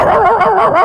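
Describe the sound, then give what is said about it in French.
A person mimics a dog with their voice as a comedic sound effect, producing a loud, wavering yelp that lasts under a second, its pitch bending up and down. “Non mais en vrai c'est impressionnant, c'est-à-dire je refais tout ce que je veux avec ma bouche. Regarde, attention. Un chien.”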